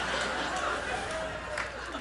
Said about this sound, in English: Thank you for that applaud. I'll take them one at a time, I don't care.